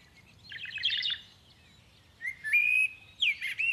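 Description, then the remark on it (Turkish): A bird chirps in quick bursts of high, bright notes, then gives clear sustained whistles and rising trills, with low rumbling noise underneath and no talking. “Bu kuş sesini siz de duydunuz mu?”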